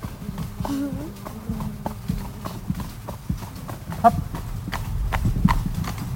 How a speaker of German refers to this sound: jetzt gehen wir mal ein paar Meter im Schritt, gell, dass ich das Pferd eben aufwärmen kann